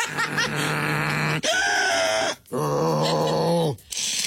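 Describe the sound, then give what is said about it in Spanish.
A person imitates the pig-like snoring they make when sleeping, making three long, rough, grunting snorts in a row, loud, with short pauses between them. “¿Usted hace ruido cuando duerme? Sí, como puerquito, no, porque uso la máquina, pero así como puerquito, sin más.”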